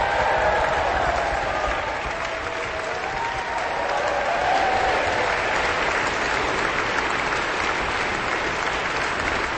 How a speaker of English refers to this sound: Lots of whistling as well as applause in this very enthusiastic audience.